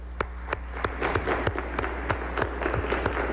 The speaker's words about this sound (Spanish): Muchas felicidades. Un aplauso.